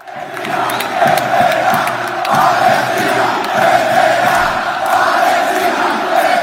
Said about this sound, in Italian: Al termine della semifinale casalinga contro lo Strasburgo, i tifosi del Rayo Vallecano, i Bucaneros, hanno scelto di festeggiare la vittoria con una bandiera palestinese stesa sul prato e con un coro che ha ripetuto «Palestina vincerà».